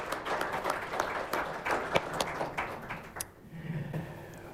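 Applause from an audience for a guest who has just been introduced, a dense patter of many clapping hands at moderate loudness that thins out and fades toward the end, leaving a low murmur.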